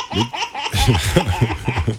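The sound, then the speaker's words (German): A baby laughs in a lively run of rhythmic, breathy bursts for about two seconds, each giggle rising and falling in quick succession, with no talking. “Ach, hören wir uns noch kurz das Baby an.”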